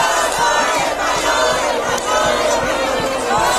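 A large crowd of Spain football fans at a public watch party in Madrid roars and shouts nonstop after Spain beat Belgium 2-1 in the FIFA World Cup quarterfinals, a loud, dense wall of cheering voices with rhythmic thumps or claps pulsing underneath throughout.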